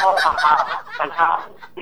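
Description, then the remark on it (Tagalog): A duck quacks repeatedly, a quick run of loud, nasal, raspy calls tumbling over one another for about two seconds, with no voices. “Bibe.”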